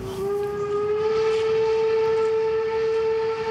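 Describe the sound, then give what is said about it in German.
A train crosses Germany's highest railway bridge, opened in 1897. Its horn holds one long, steady, loud tone over a continuous rumble of wheels and track, with no voices. “Und jetzt Eisenbahn. Drüber.”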